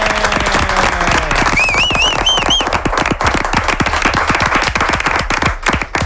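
A crowd applauds steadily, dense loud clapping filling the whole stretch, while a brief wavering high-pitched whistle rises over it early on. The applause is for a presenter's family, who came to join him for his last hour of the radio programme Tiempo de Juego.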